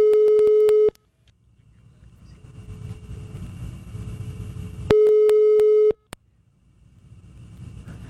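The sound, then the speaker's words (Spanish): A telephone busy signal after dialing: two loud, steady electronic beeps, each about a second long and several seconds apart, over a low engine-like rumble, with a sharp click after the second. “Bueno, vamos a marcarle otra se mete vez.”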